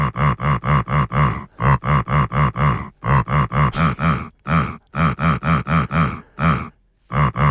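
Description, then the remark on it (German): A pig named Lissi grunts a song in a rhythmic, song-like pattern: steady runs of quick, loud, throaty grunts grouped into phrases with brief pauses between them, and no talking. “Lissi hat für uns gegrunzt”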